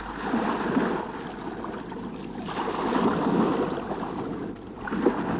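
A small boat glides steadily through water toward an island, with continuous sloshing and swishing along the hull and a faint background rush, at a steady moderate level with no voices.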